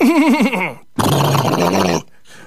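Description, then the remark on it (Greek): A horse whinnies loudly, its call quavering and trembling, then after a brief pause lets out a long, rough, breathy blow before falling quiet. “Πρωί-πρωί που λέτε, ξυπνάει εκείνο το παλικάρι που το λέγαν Ήλιο, κάνει ξανά το σταυρό του, κοινάει πάλι με το άλογο να πάει να βρει την τουνιά του Ζελίνα.”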